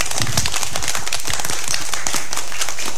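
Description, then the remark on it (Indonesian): At the end of a teacher's storytelling session, a group of children clap their hands in a dense, uneven burst of many overlapping sharp claps, fairly loud and sustained for a few seconds with no talking. “Ayo tepuk tangan.”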